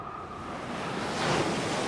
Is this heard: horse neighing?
no